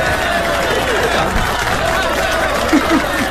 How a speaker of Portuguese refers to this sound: Palmas aqui para Raquel. Ontem tivemos palminhas pro Gesiel. Hoje palmas para Raquel também.